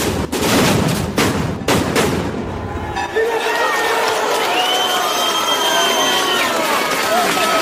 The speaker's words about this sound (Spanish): La peregrinación hacia el Cristo de la Luz de Dalías. Así sonaban el año pasado los cohetes.